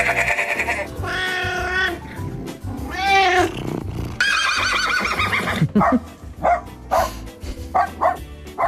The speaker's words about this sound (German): Also das Wiehern hat mir sehr gut gefallen. Das würde ich gerne mal als Lied hören.